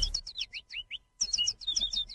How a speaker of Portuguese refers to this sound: Vamos acordar que o passarinho já está cantando.